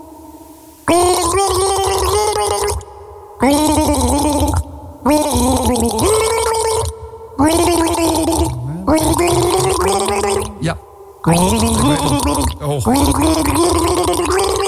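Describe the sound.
Someone gargles water to the tune of a song for listeners to guess the record, a loud, bubbling warble rising and falling in five long phrases separated by short pauses.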